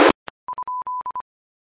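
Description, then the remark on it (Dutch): After a brief burst of noise and a click, a steady electronic telephone tone sounds in a rapid series of short beeps of varying lengths, clear and fairly loud, with no voices. “Ja, ik weet ook niet wat het telefoontje betekent hoor, ik kan het nog over opzoeken.”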